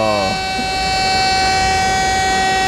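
A loud alarm blares with a steady, high sustained tone and stacked harmonics after a brief descending sweep at the start, holding unbroken for a few seconds.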